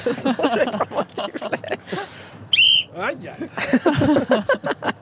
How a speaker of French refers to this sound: Je vais prendre mon sifflet.